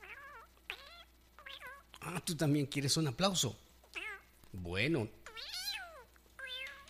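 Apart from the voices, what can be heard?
cat meowing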